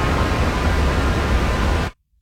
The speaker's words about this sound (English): This is white noise.